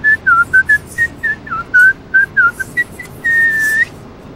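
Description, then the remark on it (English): A person whistles a quick, bouncy tune of short chirpy notes while writing their signature left-handed, ending on one long held note, clear with no talking. “Can you do your signature left-handed while whistling?”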